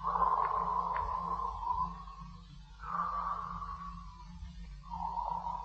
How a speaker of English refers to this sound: He is in bed and sleeping, breathing deep the night air of Pimlico, England.